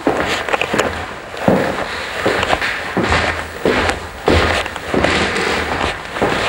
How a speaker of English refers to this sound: You're listening to footsteps on the wide oak stairs where the musicians assembled at Wagner's house in Switzerland.